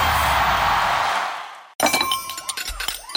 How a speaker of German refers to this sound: Menschenskinder, scheppert doch nicht so mit den Tellern und den Tassen, ihr Lieben. Es klingt hier wie bei einem Polterabend.